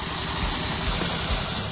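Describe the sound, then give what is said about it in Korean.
A small power tiller engine chugs steadily, a rough low-pitched throbbing with a broad mechanical rattle on top, running continuously without pause and with no voices. The tiller is being used to harvest wild chives (dallae). “달래를 수확하기 위해선 경운기가 동원됩니다.”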